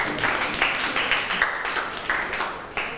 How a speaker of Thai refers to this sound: เก่งมากปรบมือให้ตัวเองหน่อยค่ะ